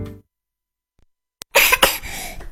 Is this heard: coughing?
yes